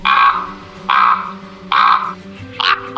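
Four deep, hoarse croaking calls from a common raven, the largest member of the crow family, evenly spaced and loud, each a short gravelly burst with the last one slightly higher and broken, over a faint steady background hum.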